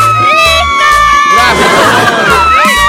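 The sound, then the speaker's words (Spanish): A group of women shouting and cheering excitedly together, loud, with high-pitched whoops and screams over a steady, pulsing low beat. “el grito, el grito, el grito de mis chicas solteras.”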